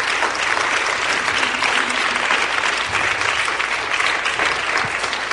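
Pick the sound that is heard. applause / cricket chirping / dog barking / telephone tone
applause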